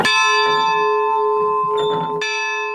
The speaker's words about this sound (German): Wenn ihr wollt, könnt ihr die Glocke auch läuten. Doch erstmal gilt es, die wackelige letzte Treppe hochzukommen. Die Glocke ist durchaus laut.